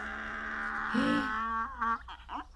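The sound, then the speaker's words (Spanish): A girl voices a drawn-out, braying cry imitating a donkey, a strained rising and falling call lasting a couple of seconds, fairly loud. “¡Eso es un burro!”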